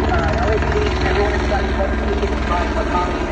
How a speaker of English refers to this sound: It sounds like he's holding the mic up to the blade to the chopper instead of to his mouth.